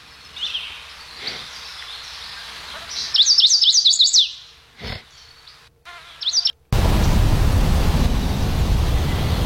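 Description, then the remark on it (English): A waterfall's steady, loud rushing roar takes over after several seconds of quiet outdoor ambience with bright, rapid bird chirps and trills. “It's a waterfall.”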